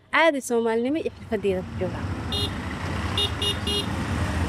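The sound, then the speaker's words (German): Dense traffic of motorized three-wheelers, trucks and cars at the K4 intersection, Mogadishu's main traffic hub, with engines rumbling and several short horn toots, including a quick run of three honks, as voices chatter loudly at the start. “Hier am K4, dem wichtigsten Verkehrsknotenpunkt, schieben sich motorisierte Dreiräder, LKWs und Autos Tag und Nacht durch den Verkehr.”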